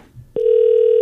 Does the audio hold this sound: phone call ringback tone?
yes